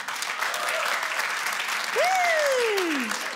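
Dog owners in an audience clap steadily for a few seconds, a dense, even patter of many hands, while someone lets out a loud whistle that swoops up and then slides down near the end.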